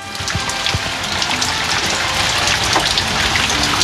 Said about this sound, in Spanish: Escuchemos, hay un audio cortito, dura un par de segundos, de las precipitaciones. ¿Se logra escuchar o no?